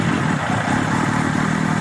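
A motorcycle engine runs steadily, a loud, continuous low rumble with a slightly rough, throbbing texture and no voices over it.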